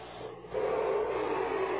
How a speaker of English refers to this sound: Letting the engine sing a little bit here, Josh. Yeah, letting the horsepower out, aren't they?